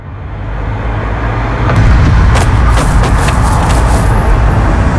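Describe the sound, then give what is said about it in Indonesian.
A car rumbles past amid steady road traffic, its low engine noise swelling louder over a continuous wash of roadway hiss, as someone throws rubbish out of a car. “coba lihat, itu orang babang sampah dari mobil.”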